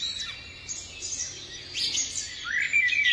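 Several birds chirp and twitter continuously in high, quick bursts, with overlapping calls growing a bit louder toward the end. No one speaks.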